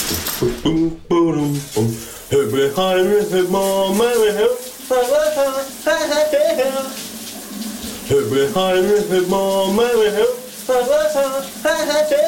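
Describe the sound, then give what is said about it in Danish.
A man, a colleague at the station VLR, sings loudly in a wavering, tuneful voice while showering, over the steady hiss of running shower water, his phrases broken by brief pauses throughout. “Lige nu med et brusebadshit. Kan du høre, hvad han synger her?”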